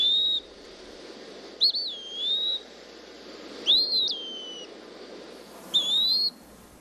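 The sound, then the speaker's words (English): A bird's slow, plaintive, almost lazy whistled call, heard in the woods in late summer, sounds four times at unhurried intervals, each a drawn-out, slightly slurred note, clear over a soft, steady background hum. “I've always thought that the two versions of this plaintive, almost lazy call perfectly reflect the languid days of late summer, when the air is still and humid, and the season is tired and almost run its course.”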